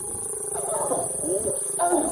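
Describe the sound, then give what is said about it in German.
Two lions growl and snarl in rough, rasping bursts while mating in broad daylight right beside a road in a national park, cars standing around them, the harsh calls rising and falling over about two seconds with a steady outdoor rumble underneath. “Zwei Löwen paaren sich am helllichten Tag direkt neben der Straße.”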